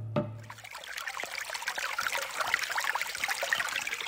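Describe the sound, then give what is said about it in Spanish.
Water trickles and dribbles steadily, a continuous bubbling flow with many small splashes, without any voices, after a brief low thump at the start. “Escuchamos el silencio del agua que se va.”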